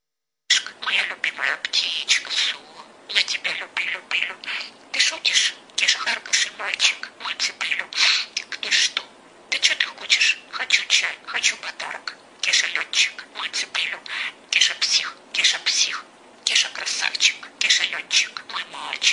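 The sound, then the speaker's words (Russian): A budgerigar chatters continuously in a rapid, high-pitched stream of mimicked speech, closely imitating the intonation and timbre of a woman's voice, mixed with little chirps and squawks, loud. “сейчас я посмотрю, какая у нас волнистый попугайчик разговаривает”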